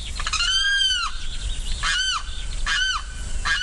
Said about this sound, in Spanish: Este sonido corresponde al canto del carrao y hace parte del proyecto A Ritmo de Pájaros de la Fundación Corocoras.